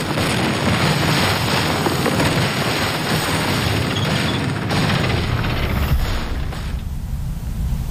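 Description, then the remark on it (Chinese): A loud, steady roar of Japanese military aircraft engines during an air raid, with a dense rumbling drone and scattered booms beneath it, fading slightly near the end. “迎宾，快迎宾，快迎宾，快迎宾，日军的飞机来了，快迎宾，快躲到战壕里去。”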